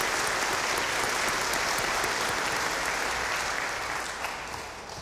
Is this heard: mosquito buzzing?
no